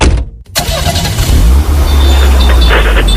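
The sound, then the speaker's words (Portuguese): A car engine starts after a short silence and keeps running loudly, a steady low rumble with a brief surge partway through, like revving in traffic. “Você acorda cedo, enfrenta o trânsito, começa mais um dia.”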